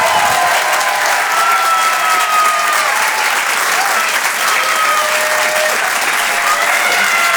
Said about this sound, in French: Je vous demande de l'encourager et de l'applaudir très, très chaleureusement, s'il vous plaît.